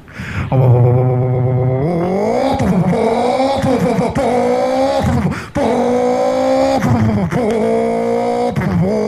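A powerful 400-horsepower car engine revs loudly, pitch climbing through repeated gear shifts with brief dips between pulls, a continuous roaring acceleration, with a shift back down into second gear.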